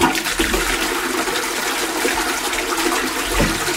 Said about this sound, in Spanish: Este lo hemos reconocido, esto es una cisterna.